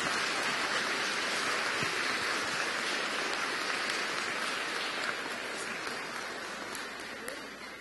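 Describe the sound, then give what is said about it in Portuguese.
A crowd at a parish celebration of Senhora Santana applauds warmly and steadily to thank the priest, dense clapping slowly thinning and tapering off toward the end with no one speaking. “Ao Padre Alisson, nós queremos agradecer com uma calorosa salva de palmas.”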